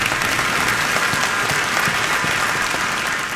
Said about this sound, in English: The entire Bible explains that the Lord God is the one who's to be praised above all of the things on this earth. You just clap. Come on.